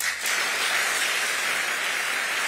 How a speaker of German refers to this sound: Es folgen 2 Minuten Applaus und Standing Ovations.